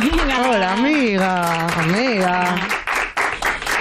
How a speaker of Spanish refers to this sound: Un aplauso para ella.